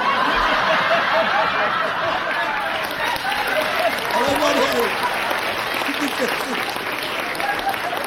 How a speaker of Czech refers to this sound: Čemu tleskáte, paní?